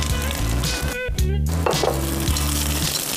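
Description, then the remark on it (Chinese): Scallions sizzle steadily in hot leftover frying oil in a pan as they are fried to release their aroma. A loud, continuous crackling hiss with a low kitchen hum underneath and a brief dip partway through. “这个时候咱们葱煸香了以后，芹菜段下锅”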